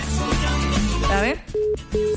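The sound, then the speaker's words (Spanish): A voice speaks briefly, then a telephone line gives two short, steady electronic tones in quick succession, clear and fairly loud, the signal of a redialed call to a cell phone that is discharged or dead. “Cuando suena así es porque está descargado o prácticamente está muerto el celular.”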